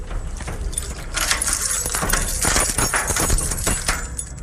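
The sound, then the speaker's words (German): Keys jangle and scrape in a lock, followed by metallic clunks and rattles as a heavy, old, alarm-secured metal door is worked open in sunny weather, fairly loud with no talking. “Maria zeigt mir den Schlüssel und ich denke, wir gehen mal einfach jetzt rein.”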